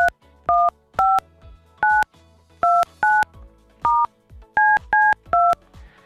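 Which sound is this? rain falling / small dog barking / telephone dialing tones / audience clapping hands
telephone dialing tones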